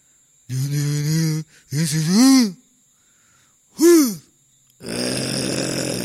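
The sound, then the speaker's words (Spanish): A man mimics snoring with his voice, making a string of loud, buzzy groans and wavering moans separated by pauses, ending in a long rasping, breathy snort. “Era como ronca día y noche a tu lado.”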